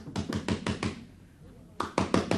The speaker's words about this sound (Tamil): அம்மா, கதவை தட்டுறது நிச்சயம் போலீஸா தான் இருக்கும்.